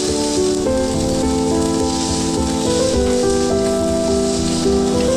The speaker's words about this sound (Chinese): 只需要简单用盐和黑胡椒调味，在高温下快速煎烤，形成完美的焦化外壳，内部则根据喜好保持3分熟至5分熟。关键在于品尝牛肉本身的浓郁风味和柔嫩多汁的口感。